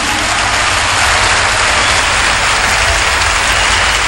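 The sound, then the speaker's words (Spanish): An audience applauds steadily and loudly for about four seconds, a dense wash of clapping with no break and no voices standing out, for Canto Nuevo performers as Ricardo García, creator of the Alerce label, presents them an award. “La labor de estos intérpretes del Canto Nuevo creo que es aplaudida por todos ustedes.”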